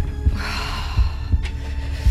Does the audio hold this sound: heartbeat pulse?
yes